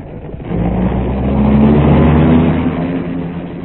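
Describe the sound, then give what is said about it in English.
A dark car's engine revs up with a rising, droning pitch, then holds steady as the car pulls away, loud throughout the few seconds with no voices. “In a dark car with a hat pulled well over its eyes, Seacomb was next driven to a submerged airport.”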